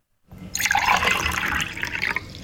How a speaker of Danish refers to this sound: Grunden til, at der er to lyd, det er, fordi jeg hældte op i et lille og stort glas.